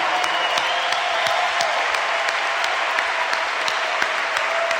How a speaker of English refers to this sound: And there's a decent number of kids out here tonight, too, so they should also just get a huge round of applause.